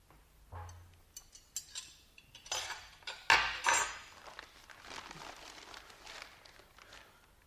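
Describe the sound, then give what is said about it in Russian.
Cutlery clinks and scrapes against dishes in a scattered series of sharp clatters as a walnut cake is cut into thin slices, with a louder burst of metallic rattling midway, then softer tapping and shuffling. “надо нарезать ореховый торт. Только, ты знаешь, так тоненькими кусочками.”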